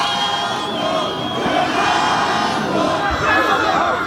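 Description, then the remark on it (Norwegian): An excited crowd of football fans outside a hotel roars and shouts continuously as Cristiano Ronaldo finally appears, a dense wall of overlapping voices and cheers that stays loud throughout, with occasional higher yells rising above the din. “Og når stjernen endelig var å se, var det et publikum i høygir.”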